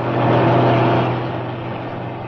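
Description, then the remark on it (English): A heavy lorry engine rumbles loudly past hitchhikers, its low drone swelling briefly and then easing slightly as it carries on by without stopping. “Yes, but this one's different. I know. It's a lorry.”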